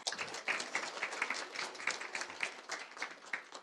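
A crowd at a graduation ceremony breaks into steady applause welcoming the current-student representative, dense overlapping claps at moderate volume for several seconds with no one speaking.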